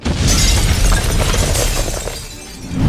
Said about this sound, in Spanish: Se cree que uno de los clientes dejó un cargador dentro de una secadora y con el calor se ocasionó la explosión.